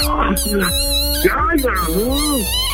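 A small dog barks close by in a few short, high, rising-and-falling yaps over about three seconds, with a steady low hum underneath.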